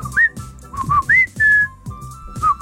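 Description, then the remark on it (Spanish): A person whistles a short family call whistle, a quick series of clear, gliding notes rising and falling in a distinctive pattern, with no talking. “Voy a instalar un chiflido para Juan, así.”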